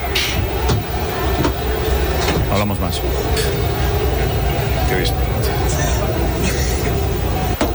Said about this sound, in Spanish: del autobús del Real Madrid en el que se percibe la lluvia de objetos a centenares de metros del estadio del Camp Nou. Vamos a emitirlo ya para que se pueda ver. Ahí está. Desde el interior del autobús. Se escucha, no falta decir mucho más